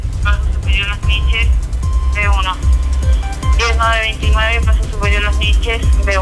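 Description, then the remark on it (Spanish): A fire engine of the first fire company drives past, its engine rumbling low while a loud siren warbles and sweeps up and down in repeated bursts. “Ahí está la información, en el paso superior Los Niches, como nos va, va el carro de la primera. Bomberos.”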